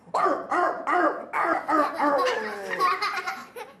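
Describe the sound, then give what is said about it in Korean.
A teacher in a class imitates a small dog, yapping out several short, bright barks in quick succession, then trailing into a longer string of whiny, yelping sounds, fairly loud. “저는 강아지예요.”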